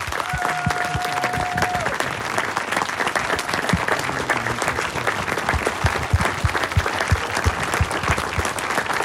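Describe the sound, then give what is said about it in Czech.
A large audience at a book christening in a guesthouse in Příchovice claps steadily for several seconds, a dense, sustained applause with a brief tonal sound near the start, loud. “Za potlesku početného publika tady v Příchovicích v penzionu U Čápa na Louce byla pokřtěna knížka.”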